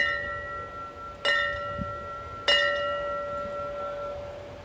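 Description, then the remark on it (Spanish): A bell is struck twice at an even, slow pace in a memorial ringing tradition honoring fallen comrades, the first three rings representing the call to duty; each sharp clang blooms into a long, bright metallic hum that carries over from an earlier ring and keeps sustaining between strikes. “The first three rings represent the call to duty.”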